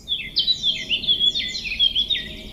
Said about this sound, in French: que vous entendez souvent sans doute, c'est celui de la fauvette à tête noire.